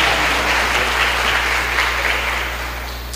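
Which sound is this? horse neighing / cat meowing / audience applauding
audience applauding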